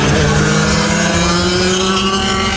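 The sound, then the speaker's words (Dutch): Loud, continuous roar of vintage motorcycle engines racing over a closed circuit of about 1.5 kilometres at an event for old motorcycles, a steady droning buzz with a slight drift in pitch and no voices. “En voor liefhebbers van oude motoren een evenement om de ogen uit te kijken.”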